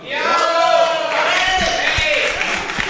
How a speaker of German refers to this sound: die Musik ist eigentlich eher unter dem Beifall untergegangen